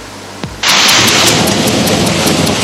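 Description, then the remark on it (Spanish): A quiet low rumble and a brief swooping crack give way to a sudden, loud, steady roar of heavy rain and wind, like a thunderstorm downpour, with no voices. A violent storm front with severe wind gusts hitting the country's interior, recorded by residents on their phones. “Un violento frente de tormenta y severas ráfagas de viento castigaron duramente al interior del país en las últimas horas.”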